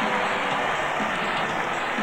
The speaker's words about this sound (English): And a good old-fashioned hockey battle between Smolek and Grimson. And listen to this crowd as they head to the dressing rooms.